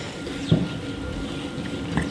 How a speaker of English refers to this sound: Excuse you, that not-so-small burp came from one of the cows at Pāmu's methane measurement barn at St Kilda, just outside of Taupō.